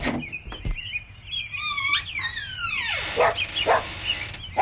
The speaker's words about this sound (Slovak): No čo si zabudol štekať? Nejaký je zakriknutý. Zlatý psíček.